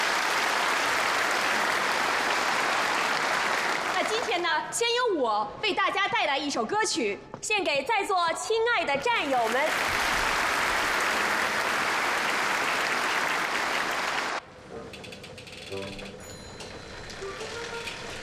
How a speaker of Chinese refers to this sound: 亲爱的战友们、同志们，大家好！非常感谢大家的掌声。